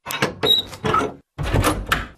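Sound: door being opened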